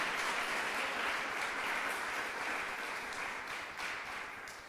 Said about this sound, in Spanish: Démosle fuerte ese aplauso al Señor nuestro Dios.